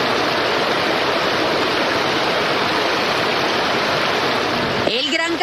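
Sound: water gushing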